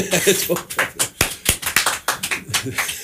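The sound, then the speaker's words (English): A small audience of three clapping in Studio C during WDVR's Live from the Blacksmith Shop after a live original song, with uneven, sparse hand claps rather than a full crowd, bright and sharp, with some faint talk mixed in. “Let's all clap for that one.”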